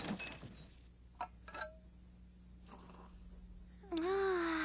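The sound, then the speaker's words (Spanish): Crickets chirp in a faint, steady, high-pitched drone throughout a quiet outdoor scene, with a few soft clicks early on and a louder wavering tone rising near the end. “Solo nosotros y el ruido de los grillos.”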